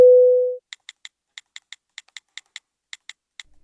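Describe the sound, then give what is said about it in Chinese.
A single loud, steady telephone busy tone sounds for about half a second as the line goes dead after a call is hung up, followed by a quiet stretch of brisk, evenly spaced keyboard typing with no voices. “好，那挂了啊。”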